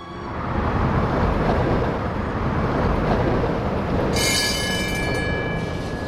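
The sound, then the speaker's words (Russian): A tram rumbles steadily along its rails, a loud, continuous roar, and a high metallic squeal of the wheels rises near the end. No one speaks. “А, в трамваечке катались?”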